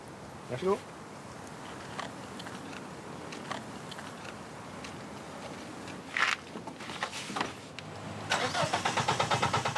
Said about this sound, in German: Doch das Auto will immer noch nicht.